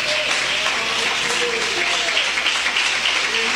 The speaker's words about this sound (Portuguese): Pode assentar, irmãos, e bater as palmas para Jesus bem forte.